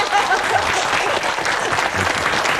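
A room full of people claps together in a steady, dense burst of applause that holds at an even loudness from start to finish, with no talking over it.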